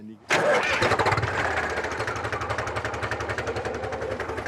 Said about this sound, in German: Und wir sind wir haben eine Buschhacker-Gemeinschaft. Und heute habe ich den Häcksler noch. Morgen hat ihn wieder ein anderer. Heute Abend muss ich ihn wieder abgeben.